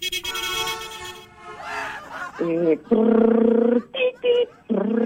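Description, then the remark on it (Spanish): A voice imitates a small motorized taxi (mototaxi) in Chorrillos straining uphill toward Guaylas with a buzzing, sustained engine drone, then breaks into a series of loud, nasal honks mimicking its horn, energetic. “Y como estás en Chorrillos, ¿cómo suena? ¡Un mototaxi que está subiendo a Guaylas!”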